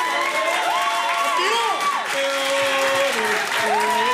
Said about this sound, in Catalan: Heu rebut amb un aplaudiment justet, pel meu gust, el que és, ho heu sentit bé, aquest senyor ha sigut 4 vegades campió del món, eh? Bravo. Feu un aplaudiment.